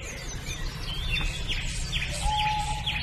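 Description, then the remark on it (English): A small warbler's thin, sweet phrases trickle down the scale, repeating several times over a steady low rumble of outdoor background noise, with no talking. “Another garden warbler there? And a willow warbler there? They pretty much sound all the same to me.”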